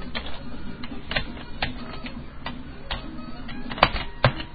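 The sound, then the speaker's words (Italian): Keys clack irregularly on a computer keyboard, a run of sharp clicks at uneven intervals with a couple of louder strikes near the end, with no voices. “Dio cane, questa tastiera!”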